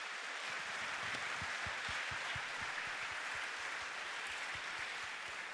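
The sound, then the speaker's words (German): A crowd applauds the young singers of the evening, a dense wash of many hands clapping at once that stays full and even throughout, with no talking over it. “Nochmal einen kleinen Applaus für euch.”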